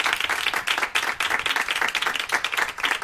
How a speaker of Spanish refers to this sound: Un aplauso para Alberto Ginés.